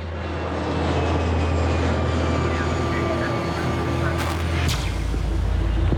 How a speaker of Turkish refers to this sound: Landwetter'e İstanbul'dan gelen bir uçak iniş yaptı.